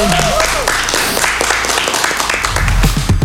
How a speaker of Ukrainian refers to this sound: Друзі, ще раз оплески.